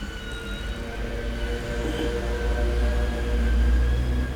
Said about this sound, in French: On entend une sirène. On ne voit pas encore ce que c'est.